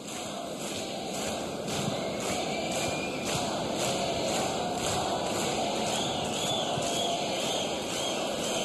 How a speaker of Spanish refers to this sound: no solo tú, sino que ustedes, chiquillos, reciban este aplauso de la gente y lo que están diciendo el día de hoy.